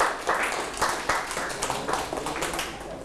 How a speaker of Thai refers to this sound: โอเคปรบมือให้เพื่อนด้วยครับ